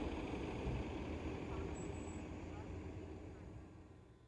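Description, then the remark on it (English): A city bus engine idles by City Hall with a steady, low, throbbing rumble and broad mechanical hiss, continuous, slowly easing off in loudness over a few seconds. “Back above ground, there are plenty of buses that go around City Hall, too.”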